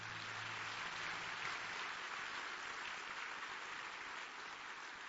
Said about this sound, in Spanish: y de manera especial, a todos los que han venido hoy de manera presencial a la casa de Dios, a la iglesia. Quiero que se dé un aplauso, felicítese.